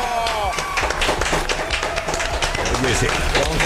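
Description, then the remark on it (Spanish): A small group claps in quick, uneven bursts, sharp slaps piling up into light applause that stays steady for several seconds, with voices and cheers mixed underneath, welcoming Jorge Ortiz de Pinedo in the booth of Pole Nexa. “¿Qué ovación de tres?”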